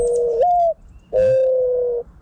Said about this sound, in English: They don't go, dun, dun, dun, dun, dun, dun. This is what it sounds like when doves cry. See? Nothing like what he suggested.